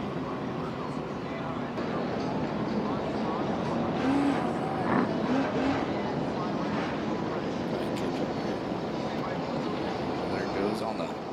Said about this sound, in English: Starting line, yeah, these Wright Performance boats, they are probably the fastest outboard cats that we've seen out here at the shootout so far. 131 miles an hour, absolutely flying. Anything over 130 in one of those outboard cats is extremely fast